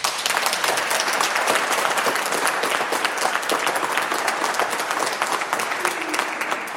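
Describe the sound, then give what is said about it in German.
An audience at the Seniorenzentrum am Rüschebach in Unna applauds steadily, a dense wash of many hands clapping at once, loud and sustained without a break for the whole stretch, with no voices standing out above it. “Ja, das sind doch schon mal gute Hände, die man da hört.”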